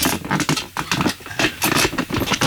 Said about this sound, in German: Das sind unsere Studiostühle, man hört die sonst immer im Hintergrund.